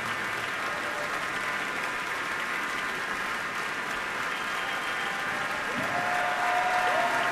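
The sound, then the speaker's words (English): Sustained, dense standing-ovation applause from a large concert audience at Orchestra Hall fills the hall. It is steady and enthusiastic throughout, swelling slightly louder toward the end as a faint whistle-like tone cuts through. “Crowd really loves him here at Orchestra Hall, standing ovation”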